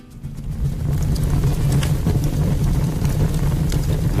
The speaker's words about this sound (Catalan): Això és un foc de terra? Això és una xamanella, no? Sí. Oímos el crepitar de la leña al fuego en invierno